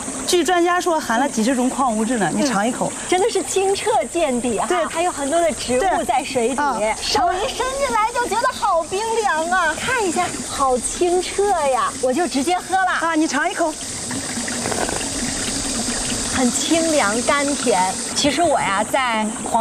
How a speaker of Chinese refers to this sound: 这水是 从大坝那渗出来的吗？对对对，它是一个堆石大坝，允许一定量的渗水，这个黄河水经过我们这个大坝层层过滤